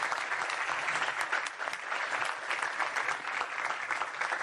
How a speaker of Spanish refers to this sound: Un aplauso a la Jefatura de Prensa.